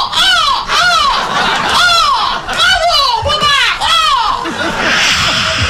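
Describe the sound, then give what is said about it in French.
A flock of gulls cries loudly, their harsh, descending calls repeating and overlapping in quick succession for several seconds, with no talking. “Les mouettes passent admiratives.”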